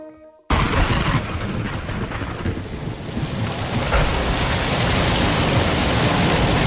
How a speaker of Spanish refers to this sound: Está lloviendo, sí, llueve. Llueve en muchos puntos de España, sobre todo en Levante.